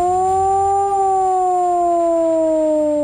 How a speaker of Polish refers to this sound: Dźwięk dla ochrony ludności to 3-minutowy modulowany, czyli falujący sygnał syreny.